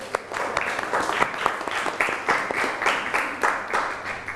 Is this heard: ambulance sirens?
no